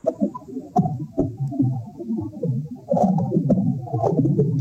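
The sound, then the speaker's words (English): Garden soil recorded with a microphone stuck into the dirt: a dense, muffled crackling rumble with scattered sharp pops and clicks breaking through at irregular intervals, steady throughout, with no voices. “But if I stuck my microphone into the dirt, it might sound something like this.”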